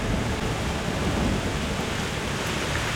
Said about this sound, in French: La Mazika? Oh non! C'est le nom de la terrible mousson de printemps! Ce vent violent arrive de la mer en apportant une pluie torrentielle!